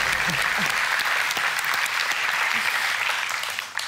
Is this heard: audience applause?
yes